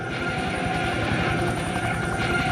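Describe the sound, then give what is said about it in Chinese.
An echelon of 25 armed helicopters of different models from the Chinese People's Liberation Army Army Aviation flies low past a military parade, with a rapid, steady thumping of rotor blades over a loud, unbroken engine drone and rushing wind noise. No one speaks. “低空飞过来的是来自陆军航空兵的武装直升机梯队，分别由25架不同型号的直升机编成。”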